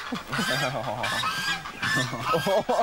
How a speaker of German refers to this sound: Doch im Gebüsch lauern schon die neuen Mitbewohner, die Gänse-Gang.